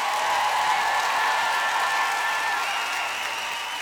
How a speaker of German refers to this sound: Meine Damen und Herren, sehr verehrtes Publikum, einen großen Applaus für